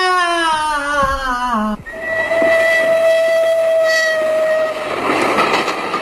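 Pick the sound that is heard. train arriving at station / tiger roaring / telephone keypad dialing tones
train arriving at station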